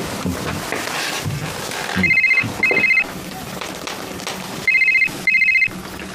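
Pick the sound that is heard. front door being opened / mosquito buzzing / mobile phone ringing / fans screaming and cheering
mobile phone ringing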